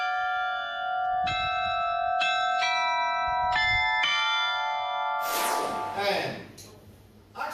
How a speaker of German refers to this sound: Dank der 16 Glocken haben sie jetzt die Auswahl aus 44 Liedern. Aber wie klingt er denn nun, der alte neue Glockenspielturm?